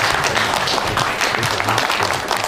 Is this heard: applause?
yes